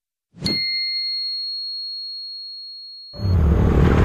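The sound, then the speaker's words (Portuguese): A sharp struck ding rings out with a long, steady high tone that slowly fades, then a loud, low, rumbling motorcycle engine roars in for the final second. “Amor, ouviu essa moto?”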